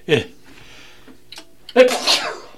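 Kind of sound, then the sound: human body sound, sneeze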